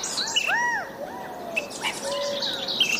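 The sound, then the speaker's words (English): Several clear California quail calls ring out over a soft outdoor background, including arching, slurred whistled notes and higher chirps, moderately loud, with no one speaking. “The California quail is our state bird.”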